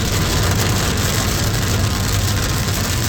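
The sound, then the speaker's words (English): Steady rain patters densely against a car windshield outside Copper Mountain and I-70 in the afternoon, a continuous hiss of drops with a low engine-like rumble underneath and no talking. “Now, the sound of rain hitting your car windshield, a thing we've not heard for a while.”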